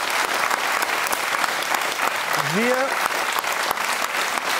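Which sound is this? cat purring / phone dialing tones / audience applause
audience applause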